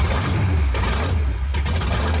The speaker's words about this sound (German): Es ist eine Wahnsinnsstimmung, das bebt im ganzen Oberkörper, wenn dann da die Motoren aufbrummen, Wahnsinnsgefühl.